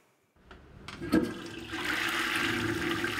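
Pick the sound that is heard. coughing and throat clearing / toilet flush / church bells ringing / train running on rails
toilet flush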